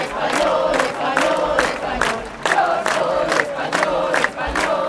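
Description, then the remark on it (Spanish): A protest crowd of thousands in the Obradoiro square in Santiago, Spain, with Spanish flags, shouts "Pedro Sánchez dimisión" in unison at a protest over Ceuta backed by Vox and the Partido Popular, loud and steady, the chant pulsing in rhythmic bursts about twice a second over a constant roar of many voices. “Entre banderas de España y gritos de Pedro Sánchez dimisión, miles de personas han participado también aquí en una protesta respaldada por Vox y el Partido Popular.”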